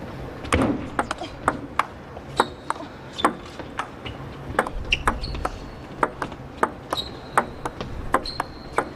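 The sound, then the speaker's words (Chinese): A long table tennis rally in a match between Han Ying and Chen Yi: crisp ball clicks trade back and forth at a steady pace, roughly two per second, with faint high squeaks and a murmur of background noise between hits. Chen Yi rallies patiently at slow pace, then attacks with a forehand to win the point, making the score 9-5. “和对方进入到耐心的相持，正手上手，好球！”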